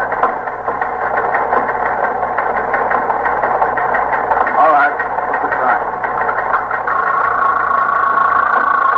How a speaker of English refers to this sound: Sergeant, see if that's the promotions on the teletype, will you?